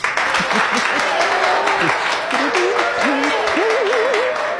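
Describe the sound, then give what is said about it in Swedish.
A small editorial team cheers and claps steadily, with whoops and excited voices rising over dense, continuous, loud applause throughout. “Hela redaktionen jublar.”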